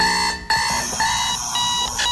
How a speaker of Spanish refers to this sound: Habrá gente que todavía se despierte con el bip bip bip.